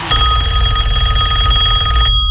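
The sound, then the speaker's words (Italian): A telephone bell rings loudly, a rapid metallic trill held steadily for about two seconds before cutting off abruptly into silence, before an answering machine picks up. “Risponde la segreteria telefonica. Lasciate un messaggio e sarete richiamati.”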